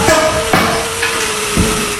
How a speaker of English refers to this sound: The sound of hammers is replacing the silence left behind last year's devastating wildfire in Denair Beach.